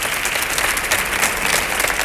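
An audience claps steadily for a comedian being introduced, a dense, even wash of many hands applauding at a constant loud level with no voices over it.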